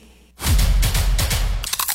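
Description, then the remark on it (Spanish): A loud crunch of someone biting into crispy Crunch brand tortilla chips, followed by a rapid series of crackly chewing crunches lasting over a second before tapering into a few lighter crackles. “La tortilla chip más crujiente.”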